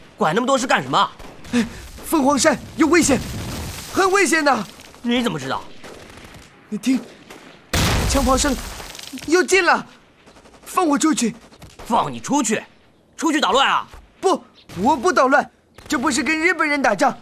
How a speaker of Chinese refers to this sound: 有枪炮声，你看，打仗。 部队在训练。啊， 不，你骗我，我是军人，我知道这是打仗。